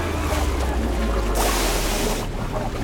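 crashing ocean waves

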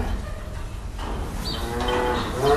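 cow mooing

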